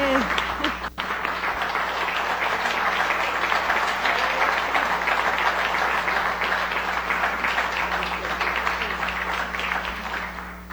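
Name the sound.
audience applause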